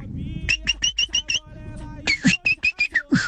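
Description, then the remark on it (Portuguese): A sabiá thrush sings two quick phrases of clear, fluty whistled notes, about six notes each with a brief pause between, bright over a low background rumble. “Que é isso? Sabiá? É, acredito que sim, né?”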